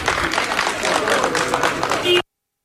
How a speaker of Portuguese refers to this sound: Mais tarde, a seleção voltou a sair do hotel para ir para o treino e aí Jorge Jesus ouviu estes aplausos registados pela TV.